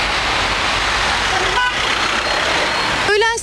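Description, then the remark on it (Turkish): Dense, gridlocked city traffic in Istanbul, Turkey, after schools reopened, rumbles steadily while car horns honk twice, a short toot midway and a louder, longer blast near the end, with faint voices in the background. “Okulların açılmasının ardından yollar tamamen kilitlendi.”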